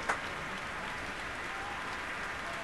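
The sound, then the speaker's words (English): A concert hall audience claps and cheers as soloist Yuja Wong takes the stage, in a dense, steady roar of applause that holds at an even level throughout, with a brief sharper burst right at the start and no talking. “And now you hear the crowd sing.”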